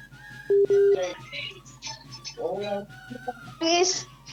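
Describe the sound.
Two short, steady telephone tones beep in quick succession as a call connects, then voices begin talking.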